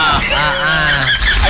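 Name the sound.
chicken clucking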